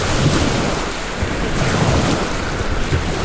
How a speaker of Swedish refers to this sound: Nu sitter vi nu i båten och har precis ankrat efter jungfrufärden. Det här är första gången båten är ut på havet.